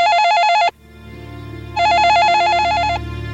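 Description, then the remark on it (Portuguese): A telephone rings with a warbling electronic trill in two bursts separated by a short pause, loud, over a low steady background hum. “Quando ele disse estas coisas, quando ele se preparou para dar o chute fatal na cadeira, o telefone tocou.”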